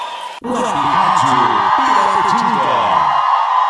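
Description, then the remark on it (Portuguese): A crowd of people lets out a loud, sustained collective shout, many voices overlapping at once, dense, lasting a few seconds after a brief pause. “Porta, eles dão um grito!”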